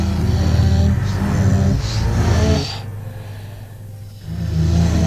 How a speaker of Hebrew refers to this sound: נשימות, צלילים ברוורס.